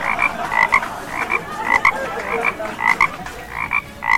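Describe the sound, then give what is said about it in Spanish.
A frog croaks over and over in quick, regular bursts, fairly loud, with a rapid pulsing rhythm and no voices. “Gracias, sapito, por su intervención.”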